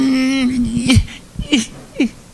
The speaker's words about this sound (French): Je ne suis pas capable d'arrêter. Je pleure de jouissance, de joie. Je comprends pas. Je ne sais pas s'il y en a de vous qui ont déjà connu ça. Pleurer, mais être heureux de pleurer.